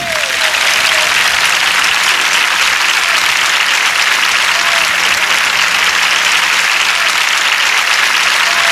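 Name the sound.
audience applauding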